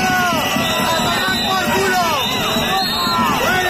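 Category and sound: crowd, protesters shouting and booing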